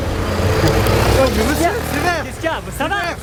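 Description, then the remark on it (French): Steady low rumble of cars passing on a street and running a red light, strongest in the first half, with an animated voice talking over the traffic toward the end. “Et voilà, regarde-moi toutes ces bagnoles qui passent au rouge là.”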